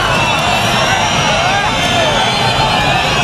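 A large crowd boos Interior Minister Fernando Grande Marlaska at the swearing-in of new Guardia Civil agents at the Guardia Civil Academy in Baeza, a dense wall of jeering voices that holds loudly and continuously without any pause.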